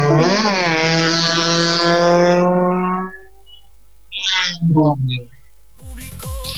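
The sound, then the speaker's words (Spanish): A loud ATV engine revs hard, its pitch climbing for about three seconds before dropping away as it sets off as the first machine to depart at a rally, followed by brief voices and background noise. “justamente va a partir la primera máquina, ATV, ahí está Charlie Urizar”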